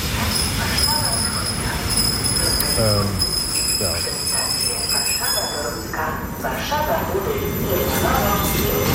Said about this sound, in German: So, ich steig jetzt hier ein. Ach, die schöne Regionalzug hier. S-Bahn ist es ja eigentlich.